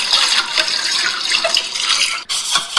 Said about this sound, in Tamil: செல்வி அக்கா குழாயில பாத்திரம் கழுவிட்டு இருக்கிற மாதிரி தெரியுது.